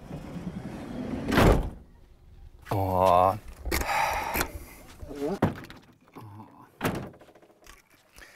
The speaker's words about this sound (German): Ach so, muss ich die Tür zumachen?